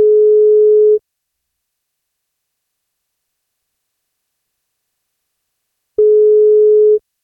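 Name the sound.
telephone ringing tone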